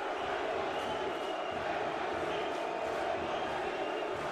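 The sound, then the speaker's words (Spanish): A large stadium crowd shouts a chant together, answering shouts of NYC with New York City, a loud, dense roar of many voices that holds steady without a break. “Y el público respondiéndole a los gritos de NYC a New York City.”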